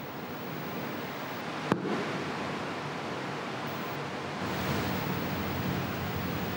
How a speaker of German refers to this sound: Welches Gas da beim Einwirken von Salzsäure auf Zink entsteht, kann der Chemiker erkennen, wenn er das Gas anzündet. Das Verbrennungsgeräusch ist typisch für Wasserstoff.